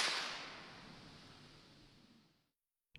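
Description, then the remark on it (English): A single sharp firecracker bang, set off by city staff patrolling in Hachioji, Japan, to scare bears away, rings out, its bright hiss and echo fading slowly over a couple of seconds before silence, with a faint click at the very end. “Instead, city staff now patrol the area, setting off firecrackers three times a day to scare bears away.”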